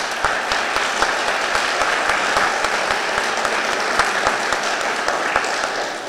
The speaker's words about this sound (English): No more applause. We've got questions to ask here.